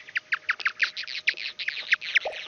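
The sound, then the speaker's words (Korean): Bat echolocation calls as a bat closes in on a moth: a rapid, regular train of about a dozen short, high, downward-sweeping chirps, jammed by a dense, hazy flurry of clicks the moth emits as jamming noise, filling the gaps between them. No voices. “그래서 중간쯤 보면은 이 박쥐 소리 사이사이에 뭐가 하얀색이 뿌옇게 많이 있죠.”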